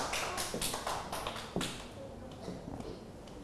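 A short run of hand clapping: a quick, slightly uneven series of sharp, crisp claps that trails off after a second and a half, fairly soft overall.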